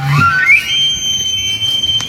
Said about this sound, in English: I love hearing them. Elk bugling is one of my favorite sounds in the world. It gets me really excited. It's kind of a signal for fall for me. The elk mating season, also known as the rut, nears an end.